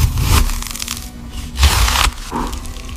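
A knife saws through a loaf of bread in a few rough, uneven strokes, each a raspy crunching scrape of the crust with short pauses between, and no voices.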